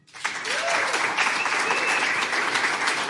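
A crowd bursts into sustained, steady applause that swells quickly and keeps going loud and dense, with a few faint whistles rising above the clapping.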